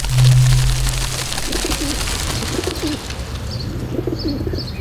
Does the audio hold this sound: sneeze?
no